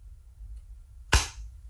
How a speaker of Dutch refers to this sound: Het geluid van een doosje waar oortjes in zitten. En dat klapt dan dicht. Ja, dit zijn de goede geluiden. Dat zijn echt geluiden uit het dagelijks leven.